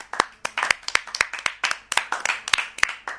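A group of children clap loudly and steadily, a quick stream of sharp, overlapping hand claps that keep a rough rhythm for a few seconds with no talking.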